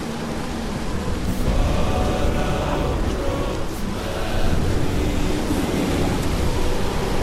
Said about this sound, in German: Ah, aber hör mal genau hin. Da ist etwas im Wind wie Lieder. Was redest du da? Was für Lieder? Das ist nur der Sturm.